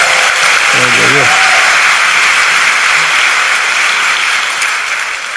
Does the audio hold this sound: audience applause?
yes